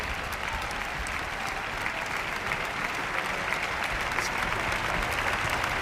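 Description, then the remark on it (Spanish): Sustained, dense applause from a large audience for the members of the Orquesta de la Comunidad Valenciana, steady and loud throughout with the broad crackling texture of many hands clapping at once, heard without any talking. “Más y más aplausos para todos los miembros de la orquesta.”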